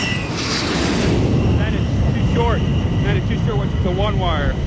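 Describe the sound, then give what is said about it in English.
A Tomcat jet, callsign 115, lands on an aircraft carrier, coming in over the edge of the deck from about a quarter mile out: a loud, steady roar of engine noise with deep rumble fills the whole stretch, while muffled, warbling radio voices drift faintly beneath it. “Right now, I should tell him you're on ball, and it should be good to go. He's right over the edge of the deck?”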